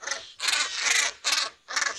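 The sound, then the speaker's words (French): A diving seabird with white plumage, yellow colouring on the neck and light blue eyes, which plunges up to 10 metres deep to catch fish, gives harsh, grating calls, three or four raspy bursts in quick succession, loud, with no voices. “Il s'enfonce comme dans du beurre dans la surface et plonge jusqu'à 10 mètres de profondeur pour attraper des poissons. Voici son cri.”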